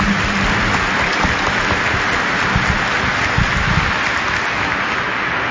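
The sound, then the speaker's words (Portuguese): An audience clapping their hands in welcome during a service broadcast by Rede Aparecida de Comunicação, a dense, steady wash of applause that stays loud and even throughout, with no voices standing out. “Nas palmas carinhosas nos acolhemos como irmãos e irmãs, uma bonita família de fé.”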